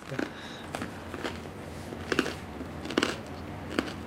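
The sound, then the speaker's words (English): Crisp crunches as someone bites and chews crunchy bread: a series of short, sharp crackling bursts spaced irregularly over a few seconds, with no talking. “Oh, well, the bread is crunchy.”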